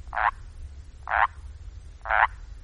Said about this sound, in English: And with that, I present to you 1 full minute of frogs.